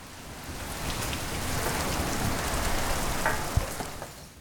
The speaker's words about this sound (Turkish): Gallerde hep şöyle derler. Güzel havayı yanımızda getirmişiz. Şuna bak, arabanın içinde bekliyor. Sızıntı var mı diye bakıyor. Acayip bir yağmur.